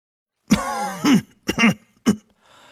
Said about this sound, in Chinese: 药王爷转过身来，咳嗽两声